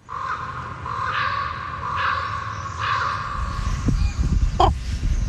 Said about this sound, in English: I'm in Sitka in Alaska, and I've never seen so many ravens in my life. It's amazing. Every time I hear the croak of a raven, it stops me in my tracks. I've started to record them on my phone.